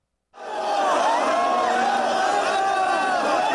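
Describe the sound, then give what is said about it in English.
A dense, sustained roar of tens of thousands of people cheering and shouting outdoors in the streets of Nairobi, gathered to see Raila Odinga's coffin as his body returned home from India; many voices overlapping with whoops rising above the din, loud and continuous after a brief silent start. “Tens of thousands packed Nairobi streets to see his coffin a year ago as his body returned home from India, where the veteran opposition leader and former prime minister had died.”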